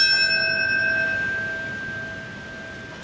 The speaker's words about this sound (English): A ceremony continues this morning at the 9/11 Memorial in New York City, where the Trade Center towers once stood, and the bell marking the moment when an American Airlines flight flew into the Pentagon, killing 59 on board, 125 on the ground.